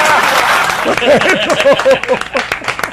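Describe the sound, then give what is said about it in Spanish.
An audience applauds in a dense, steady patter of many hands clapping, with a man's voice calling out loudly over the clapping partway through. “¡Aplaudan, porque no aplauden!”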